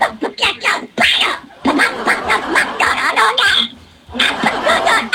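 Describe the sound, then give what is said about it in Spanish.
A person does a raspy, garbled Donald Duck voice as a greeting for Donald Duck Day, quacking out a long babbling stretch in loud bursts with brief pauses, like speech squeezed into duck squawks. “Pato Donald, envíe tu saludo como Pato Donald en el día del Pato Donald.”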